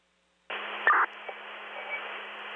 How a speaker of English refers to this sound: But the rest of that was static.